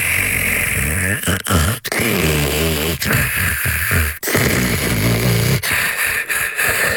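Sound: snoring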